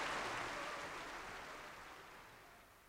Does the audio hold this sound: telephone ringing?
no